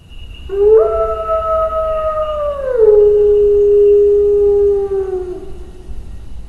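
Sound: wolf howling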